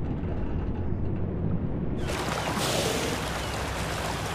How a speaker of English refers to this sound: But some whales are learning how to use the boats to their advantage. Orca recognize the characteristic sounds of a boat fishing.